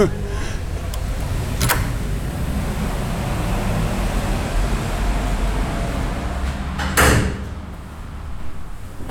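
A heavy carriage door (porte cochère) is pushed open over a steady low rumble, with one sharp thud early on and a louder clunk near the end.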